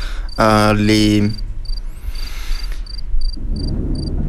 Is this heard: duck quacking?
no